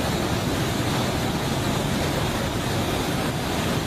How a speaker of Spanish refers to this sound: Más de 1,000 personas quedaron varadas debido a una inundación repentina, donde parecía que se había desbordado el océano. Pero Nevada no está cerca del mar.